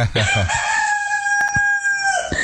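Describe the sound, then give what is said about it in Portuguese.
A rooster named Madruguinha crows once, a long drawn-out cock-a-doodle-doo that holds steady for nearly two seconds before tapering off, loud, with a couple of short clucks at the start. “Canta, seu Madruguinha, vai que eu tô podendo ir aí perto de tu, não.”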